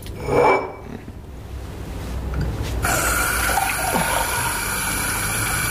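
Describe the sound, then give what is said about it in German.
A tap in a restaurant is turned on and runs steadily, a full hiss of water pouring into a glass for several seconds, preceded by a brief clunk and quiet handling. “Aber ein Glas Wasser werden Sie doch haben.”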